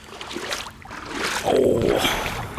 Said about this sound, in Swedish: Vill du höra lite vågskalp? Och det vill jag ju.